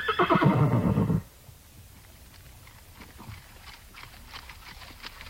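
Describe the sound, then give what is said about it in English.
A loud horse whinny rings out for about a second, then gives way to quieter, irregular hoof steps and rustling as the horse walks on a wet forest trail in the Clearwater National Forest, with riders moving in single file. “The Nez Perce and the government officers from the Clearwater National Forest mixed along in single file, their horses moving at a walk, mostly.”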